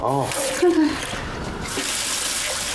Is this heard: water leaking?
yes